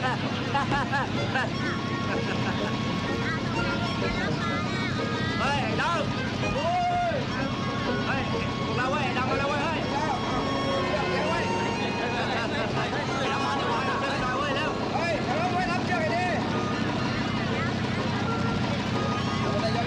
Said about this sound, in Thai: มาเรือดำนี่หว่า